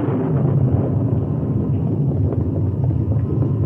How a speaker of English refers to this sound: At sundown, the sky clouded over and the wind rose. The rain held off, but there was an occasional lightning flash and its answering thunder.